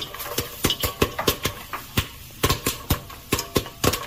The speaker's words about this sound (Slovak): To pukajú pukance v hrnci.